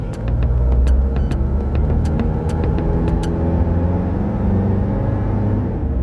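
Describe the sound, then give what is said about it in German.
A car engine rumbles steadily, with faint clicks early on, as the driver gets in and puts it in first gear, then the motor hum eases off slightly as the car pulls away, heading toward the border. No one speaks. “Dann hat er dieses Bündel ergriffen und kam dann sehr zügigen Schrittes zu uns ins Auto, hat sich reingesetzt, hat den ersten Gang eingelegt und weg.”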